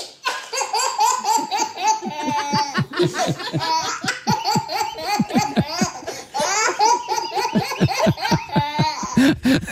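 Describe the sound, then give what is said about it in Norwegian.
A 10-month-old baby boy laughs continuously in rapid, breathy bursts and high squeals, loud, with an adult's soft chuckles mixed in now and then. “En latter som faktisk kåret til Norges beste babylatter.”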